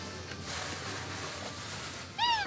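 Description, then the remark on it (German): A steady outdoor hiss fills the background, then near the end a single short, fairly loud meow from a street cat in Kotor rings out. “Die Gemeinde hat extra einen Katzenpark angelegt.”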